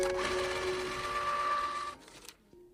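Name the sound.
receipt printer printing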